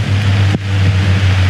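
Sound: rain falling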